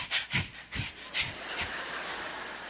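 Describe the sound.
A voice imitates the contented noise the smaller of two pet dogs makes when hugged and squeezed: a quick series of about five breathy, snuffling pants in a steady rhythm, moderately loud, fading into a soft airy rasp.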